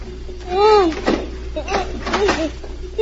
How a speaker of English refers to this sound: Then she heard someone trying the lock on the door.